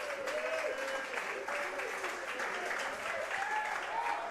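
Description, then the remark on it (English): Steady, dense applause from a sizable audience welcoming the team's head coach fills the whole stretch, a constant rush of clapping with a few faint cheers and whistles rising through it. “Please welcome our head coach, Eli Drinkwitz, ladies and gentlemen.”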